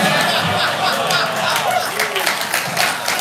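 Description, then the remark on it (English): Someone lets out a short, whooping "woo" yell amid a steady, dense wash of crowd noise, with scattered cheering and chatter throughout. “Yelled woo. That's not worth yelling woo.”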